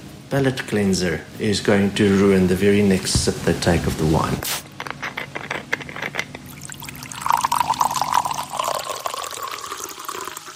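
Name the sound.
sparkling water being poured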